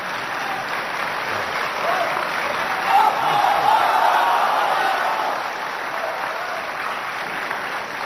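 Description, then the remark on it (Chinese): A large audience applauds steadily throughout, a dense wash of clapping that swells around the middle with a few cheers and whoops before settling back to even applause, at a December 2007 live crosstalk performance celebrating Ma Zhiming's 50 years on stage. “当然这个正活之后呢，观众依然是非常的热情，马志明先生照例登台返场的作品，咱们来连续收听。”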